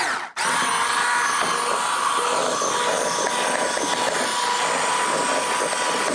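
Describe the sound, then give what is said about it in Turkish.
A hand mixer whirs steadily as it whips cream and cheese with vanilla, starting after a brief catch and holding a loud, even motor buzz with no talking. “Burada kremayla peyniri ben bir güzel şöyle... Köpürteyim vanilyamla.”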